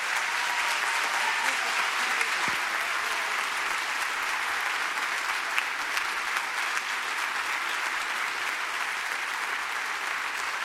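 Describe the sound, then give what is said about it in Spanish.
Loud, sustained applause from a large church audience standing at Catedral de la Fe to welcome a visiting pastor, a dense steady wash of clapping that holds evenly for the whole stretch without letting up. “Nos ponemos de pie y lo recibimos con un fuerte aplauso”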